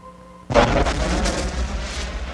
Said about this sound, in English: Now that sphere's creation continues as countless volcanoes spew clouds of gas and steam into the sky from melted mineral formations.